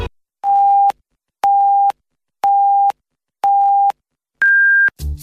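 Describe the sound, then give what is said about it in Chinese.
A radio time signal on Huairou People's Radio Station, FM 101.3 MHz, marking 11 o'clock Beijing time: four steady, evenly spaced mid-pitched beeps, one per second, then a fifth longer beep at a higher pitch marking the hour, all sounding on their own. “北京时间11点整”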